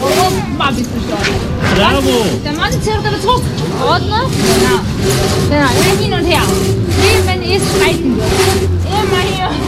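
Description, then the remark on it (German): An old hand saw cutting through tree trunks at the edge of a small lane, in steady back-and-forth strokes, each a harsh rasping burst, repeating rhythmically beneath people talking throughout; visitors and children help with the sawing. “Wir hören es ja hier im Hintergrund, das Sägen”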